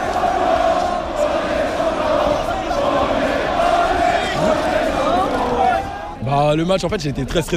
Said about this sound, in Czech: Tisícovky lidí na bulváru Champs-Élysées propukly v jásot, rozeběhly se, začaly tancovat, skandovat: my jsme šampioni.